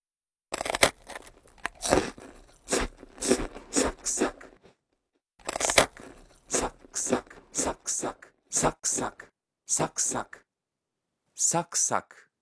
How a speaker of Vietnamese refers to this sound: Chỉ cần cắn một miếng là đã nghe giòn tan. Ngoài ra thì từ này cũng có thể được dùng cho tiếng ăn táo, bánh quy giòn hay những thứ tương tự. Tóm lại thì cứ cái gì giòn giòn, khi cắn đều có thể sử dụng được từ này, giống như là âm thanh sau đây.